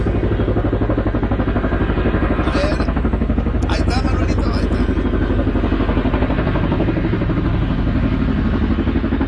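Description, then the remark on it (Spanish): A helicopter arrives in cloudy weather, ahead of a flight to San Diego, with a loud, steady low rumble and a rapid throbbing beat of rotor and engine, with a few brief higher metallic clatters partway through. “Ahí viene el helicóptero, ya en un ratito saldremos hasta el bello San Diego.”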